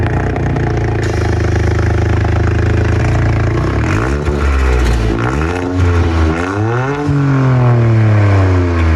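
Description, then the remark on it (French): A modified Toyota Yaris GR4 engine, a three-cylinder turbo rated at 260 horsepower stock, approaches and revs hard, its pitch climbing and dropping through several loud, throaty surges over a steady rumble, with no one speaking. “Bon, elle a aussi une autre particularité, c'est qu'on entend arriver cette Toyota Yaris GR4.”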